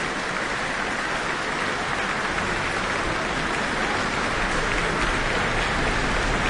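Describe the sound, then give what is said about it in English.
Sustained, dense applause from a large concert audience giving the New Zealand Symphony Orchestra a standing ovation in the Town Hall: a steady roar of many hands clapping at once with no individual claps standing out, holding at an even loud level throughout. “Looks like a standing ovation for the New Zealand Symphony Orchestra in the Town Hall tonight. The crowd's going wild after that.”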